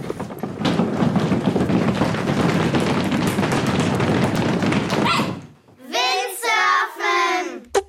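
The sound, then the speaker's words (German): Steady, loud rushing of wind over water with splashy thumps and slaps from windsurfing for about five seconds, then it cuts off and an excited voice calls out briefly. “Na klar, Windsurfen war gesucht.”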